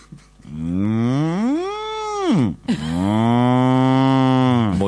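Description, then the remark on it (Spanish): A person imitates a dairy cow, giving two long, loud moos: the first rises and falls in pitch, the second is a steady, drawn-out low bellow. “A mí me sale la vaca.”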